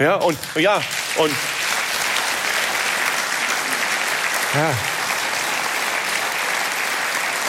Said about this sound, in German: Und wissen Sie, vor 5 Jahren hätte es dafür nie und nimmer Applaus gegeben.